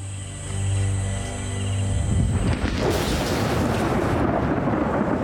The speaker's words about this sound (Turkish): Yağmur yağıyor. Şimşek çakıyor. Bir şey unuttum. Ev inşa ederken üzerine bir çatı koymayı düşünmeliydim. Soğuk ve rüzgarlı.